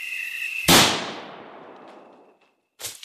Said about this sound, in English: The female was still there. She evidently wasn't scared by the shot.